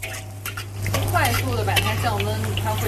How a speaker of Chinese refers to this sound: 你看这里有还是有水分，你看，有滋滋的声音，有水分。